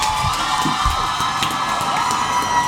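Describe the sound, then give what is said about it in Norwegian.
A theatre audience cheers and whoops enthusiastically as a play ends, in a steady, loud wash of crowd noise, with bright shouts rising above the dense roar and no clear speech. “Tilbake i teatersalen er stykket over, og publikum er begeistret.”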